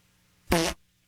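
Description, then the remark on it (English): A single short fart sound, loud and buzzy with a clear pitched rumble, lasting about a quarter second before cutting off into quiet, heard over the phone, played as a joke by the gas company. “I think I heard a fart sound over the phone.”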